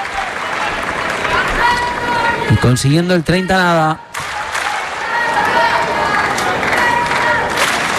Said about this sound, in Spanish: Aplausos. Let's go, Jannik, let's go. No dicen let's go, Alex, let's go.